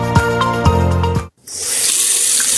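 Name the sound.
water running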